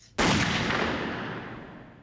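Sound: gunshot sound effect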